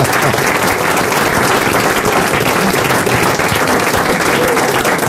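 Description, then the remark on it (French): Loud, sustained applause from a studio audience on RTL's Les Grosses Têtes for a French collector of La Vache qui rit items, dense steady clapping filling the whole stretch without a break, full, with no voices standing out. “il a même une vache qui rit sur l'épaule et on l'applaudit.”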